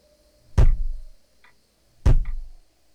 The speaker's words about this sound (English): So I asked if it was a spirit, and if it was, it should respond with two rappings.